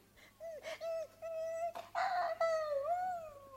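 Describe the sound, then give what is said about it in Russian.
A person whimpers like a puppy, giving a string of high, drawn-out whines that waver and rise in pitch, fairly loud, with no words spoken. “Терпеть не могу, когда ты скулишь, как щенок.”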